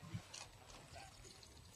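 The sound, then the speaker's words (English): Ice water poured into a glass on stage at a live music show, a soft, steady splashing trickle lasting a couple of seconds, fairly quiet, with no voices. “Oh, I need ice water.”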